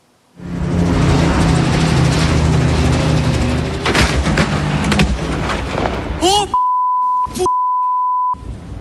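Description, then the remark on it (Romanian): A helicopter explodes in flight in northern Italy: a loud, roaring blast with heavy low rumble and crackling bursts lasting several seconds, followed by a shouting voice and a long steady electronic beep. “Accident aviatic în nordul Italiei, un elicopter a explodat în zbor sub privirea șocată a fratelui pilotului.”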